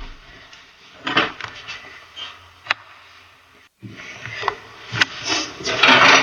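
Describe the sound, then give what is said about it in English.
Drawers slide open and shut several times, with rough scraping runs and a few sharp knocks as they close, with no voices. “Yes, there's some drawers. That's my Christmas present. Some more drawers.”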